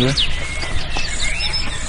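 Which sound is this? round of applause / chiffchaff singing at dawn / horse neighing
chiffchaff singing at dawn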